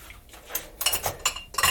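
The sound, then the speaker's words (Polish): Glassware clinking and rattling as pieces are moved around while someone searches for a glass for a latte, a few bright clattering bursts in quick succession, with no talking. “No to poszukamy jakiejś szklaneczki”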